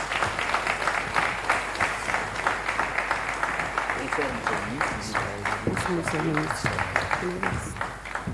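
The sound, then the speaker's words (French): A sustained round of audience applause welcoming Vice-Prime Minister and Minister of National Economy Daniel Moukoko Samba at an accountability event for the first year of the Suminwa 2 government, dense and steady throughout, with a few voices murmuring and calling out faintly beneath the clapping. “Justement pour ces bel exercices de redevabilité de l'an 1 du gouvernement Suminwa 2, nous invitons très respectueusement le vice-premier ministre, ministre de l'économie nationale, monsieur Daniel Moukoko Samba, sous vos applaudissements.”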